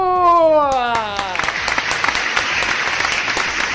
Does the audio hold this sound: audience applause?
yes